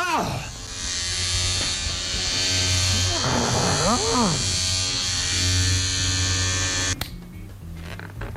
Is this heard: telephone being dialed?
no